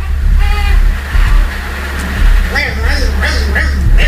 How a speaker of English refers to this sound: he's trying to cry and suck on the pacifier at the same time.